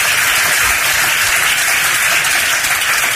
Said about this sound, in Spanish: Con baño de multitudes a vivas, aplauso de casi un minuto a las afueras, aprovechaba para demandar más dimisiones.